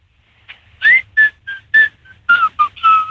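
A person whistles a bouncy pop melody, a string of short, clear notes in a mid-high register with brief pauses between phrases, some notes sliding upward, with no talking.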